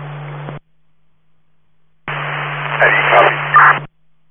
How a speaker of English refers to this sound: You're still static, but it's a little better.